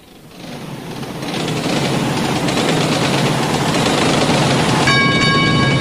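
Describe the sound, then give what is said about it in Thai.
A train engine idles at Phatthalung railway station in Thailand, its steady rumble swelling over the first second and then holding evenly, with a thin high tone joining near the end. No one speaks. “สถานีรถไฟพัทลุงท่านที่จะเดินทางไปกรุงเทพกรุณาตรวจดูสิ่งของสัมภาระของท่านให้เรียบร้อย”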